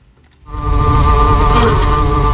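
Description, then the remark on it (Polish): A dense, steady hum of many honeybees of the Poznań University of Technology buzzing inside their hive, heard live at 8 in the morning, starts abruptly after a brief quiet moment and holds loud and continuous, with layered droning tones throughout. “Ale można też posłuchać tego, co się dzieje w środku ula.”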